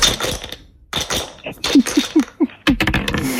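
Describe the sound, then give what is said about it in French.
Two dice rattle and clatter across a hard surface in a quick burst of sharp clicks and knocks, with a few separate taps as they settle, landing on a double six. “je vais vous demander de me dire un petit top pour lancer les dés.”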